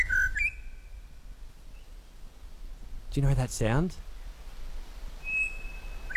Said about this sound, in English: It's one of my favourites. That belongs to the Pied Butcher Bird. I just think they are so special. It's one of my big joys of calling this part of Queensland home. I'm based on the Sunshine Coast. I love welcoming them in the morning.